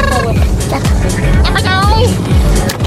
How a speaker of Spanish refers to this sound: Aquí vamos en el coche.